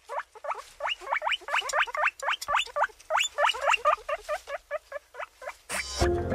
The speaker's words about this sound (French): Il s'agit d'installer sur de petits picots des minuscules morceaux de légumes avant l'entrée hors de la cage des 5 cochons d'Inde qui pourront s'en régaler.